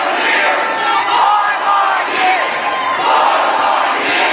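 A large crowd chants "four more years" for Joe Biden together in unison, loud, the massed voices rising and falling in a steady repeating rhythm with no pause for the whole stretch.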